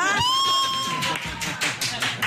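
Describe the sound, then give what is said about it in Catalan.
A sustained high whoop rings out over a crowd, then bursts of clapping and cheering roll in, loud, lasting a couple of seconds, as the audience of a Catalan radio show cheers with joy after a song is guessed correctly. “gent desfermada, sí. Esclat de joia.”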